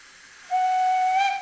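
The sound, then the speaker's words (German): A steam locomotive at Mügeln, Germany, hisses steadily, then its whistle cuts in with one long, level, piercing blast that holds to the end, loud, with no voices. “Die Dampflok ist noch da”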